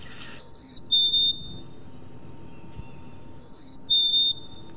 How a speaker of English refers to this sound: if I play the sound of a black-capped chickadee